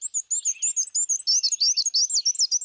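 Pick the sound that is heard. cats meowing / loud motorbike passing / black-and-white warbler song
black-and-white warbler song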